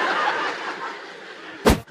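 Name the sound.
audience member sneezing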